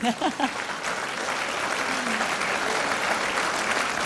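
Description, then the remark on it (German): A crowd breaks into steady, dense applause for a musician, holding at an even level for several seconds, following a brief bit of speech at the start. “Der Erste, dann geben wir gerne einen Applaus, bitte.”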